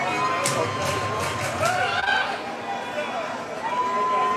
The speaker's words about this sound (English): Well, you can tell this crowd is all of a sudden into the game again. And the reason being, they all get free Chick-fil-A if Gunnar Mayer strikes out any express hitter in this inning.